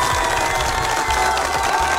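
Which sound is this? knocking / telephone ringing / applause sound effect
applause sound effect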